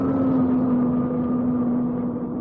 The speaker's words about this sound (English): Plane's coming to a halt.